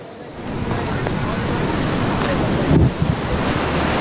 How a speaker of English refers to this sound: What you see behind me is an angry, swollen Trishuli River here in Devi Ghat in Nepal.